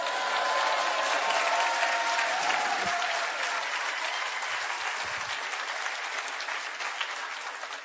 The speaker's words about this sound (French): Frères et sœurs, que Dieu soit béni, il y en a 15 qui applaudissent. Merci Seigneur, c'est un réveil.